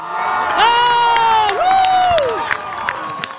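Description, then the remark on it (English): An outdoor crowd of about 200 Cape Verde soccer fans at Town Field in Dorchester, Massachusetts, watching Cape Verde play Spain in the World Cup, cheers loudly, with long sustained shouts rising above the steady roar and a few sharp claps near the end. “Cape Verde fans were full of cheer at Town Field in Dorchester.”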